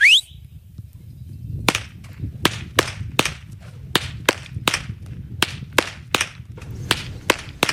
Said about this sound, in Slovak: ako inak sa z Bobrovca, zo salaša Pastierska rozlúčiť ako týmito chlapmi a ich bičmi. Chlapi!